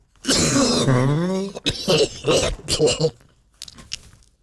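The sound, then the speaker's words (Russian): A person performs a deep, guttural cough: a drawn-out throaty groan, then a rapid run of harsh, rasping cough bursts, trailing off into a few faint breaths. “Да, вот и глубокий такой кашель, совершенно утробный должен быть такой, примерно вот такой.”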